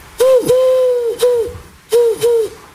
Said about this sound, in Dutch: Dat is toch een duif, hè, of niet? Een duif, ja. Een duif.